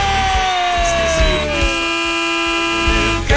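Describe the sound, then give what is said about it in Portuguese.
A loud vehicle horn blares continuously for several seconds, its layered tones sliding slightly in pitch, with a low rhythmic rumble pulsing underneath and no talking. “Vai, buzina aí, vai.”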